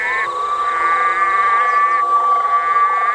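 A loud, dense chorus of red-eyed green frogs calling continuously at night to attract mates, their overlapping trilling and buzzing notes forming a steady wall of sound with no voices present.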